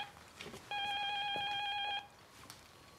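A telephone rings once with a steady electronic tone lasting just over a second, fairly loud, against quiet, faint background noise with no one speaking.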